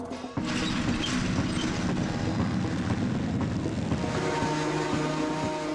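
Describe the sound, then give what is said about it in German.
A heavy diesel tractor engine rumbles steadily as the tractor drives home, a loud, continuous low drone with mechanical rattling, with no voices. “Ich fahre sie jetzt da mit dem Trecker nach Hause, weil wir sind spät dran.”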